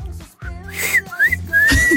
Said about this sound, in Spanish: No, bueno, sé chiflar así, pero...